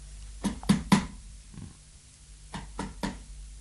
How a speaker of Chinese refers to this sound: 敲门啦， 好啦。